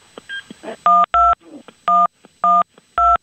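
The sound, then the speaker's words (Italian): A number is punched into a touch-tone phone to call the local police: five loud, steady two-tone beeps at an uneven pace, each ending sharply, after a few soft clicks and rustles. “Ora hanno composto il numero”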